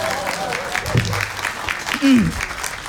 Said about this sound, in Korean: 이럴 때 박수 쳐도 됩니다.